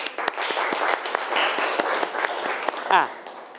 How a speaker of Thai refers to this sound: ปรบมือเพื่อนหน่อยครับ